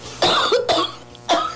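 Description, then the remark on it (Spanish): A person on a phone call coughs in three sharp bursts, two quick ones followed by a third after a short pause, loud and raspy with no talking. “Oh, ya tienes mucha tos.”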